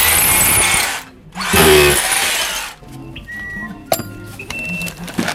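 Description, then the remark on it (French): A screwdriver drives a screw in two loud whirring bursts separated by a short pause, followed by scattered metallic clicks and small clinks as the work settles. “Non, mais faut tourner, t'as un tournevis, tu vois, toi.”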